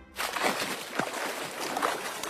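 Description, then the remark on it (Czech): Water splashing and sloshing, with a few irregular bursts of splashes over a steady watery wash, as a large fat pig wallows in the water; no one speaks. “Je, slyšíte to? To je voda!”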